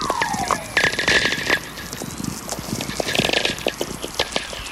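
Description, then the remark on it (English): VLF radio whistlers from lightning: a smooth whistling tone glides downward early on, set against a dense, continuous crackle of sharp static pops and a steady thin high tone. “These whistlers are really coming in big streams now.”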